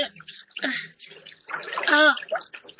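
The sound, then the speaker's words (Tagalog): Water sloshes and splashes in a bathtub in a couple of noisy bursts, with a child's voice calling out over the second burst. “Huwag ko matidlom sa tubig, kakutil!”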